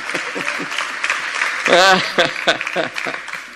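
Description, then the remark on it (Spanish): An audience applauds steadily, a dense wash of clapping throughout, with voices calling out over it and a brief loud cheer near the middle. “Sí, aplauda.”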